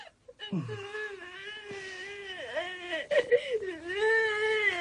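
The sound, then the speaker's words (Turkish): Sustained whimpering cry with a wavering, moaning pitch that dips and rises, steady for several seconds, with a few sharper sobbing catches midway. “Ağlama ulan bir tane çarparım ha.”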